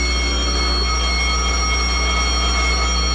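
The general alarm siren throughout the River Sun base, set off when the captain pressed a button, blares as one steady, buzzing electronic tone rich in harmonics. It holds at a constant loud level without rising or falling, and no voices are heard.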